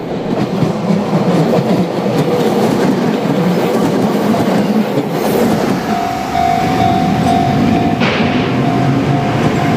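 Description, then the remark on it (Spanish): A train rolls steadily along the rails on the outskirts of Kanazawa, Japan, among orchards, rice fields and houses, with a loud rhythmic clickety-clack, joined midway by a sustained metallic squeal from the wheels that brightens near the end. “Al salir del centro de Kanazawa y al dirigirse hacia las afueras, se puede observar un tráfico ferroviario casi acogedor.”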